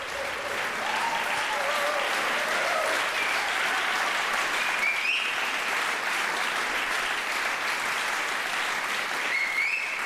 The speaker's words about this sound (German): Und dieser begeisterte Beifall in der Orangerie in Herrenhausen gilt der NDR Radio Philharmonie und ihrem ersten Gastdirigenten Jörg Wiedmann.